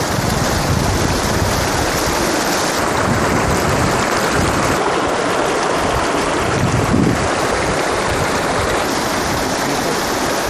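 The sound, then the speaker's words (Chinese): A mountain stream at the foot of a mountain, swollen by fast-melting snow as the sun rises over the peak, rushes loudly and steadily, its dense roar of churning water unbroken for the whole stretch, with no voices. “刚才还乖巧的小溪突然就变了模样。”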